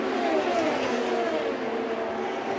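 The fourth-place race car of Castroneves roars past at speed as it comes across the line, its high whining pitch sliding slightly downward as it goes by, loud and steady throughout with no voices.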